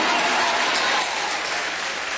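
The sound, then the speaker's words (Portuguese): A church audience applauds for Jesus together, a dense, steady wash of clapping that holds strong for about a second before easing slightly and continuing. No voices break through. “Aplausos para Jesus!”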